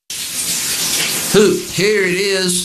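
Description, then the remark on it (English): Shower water runs in a steady hiss throughout, and partway through a man starts singing sustained, wavering notes over the spray. “sings in the shower because great fashion, like great music, needs echo.”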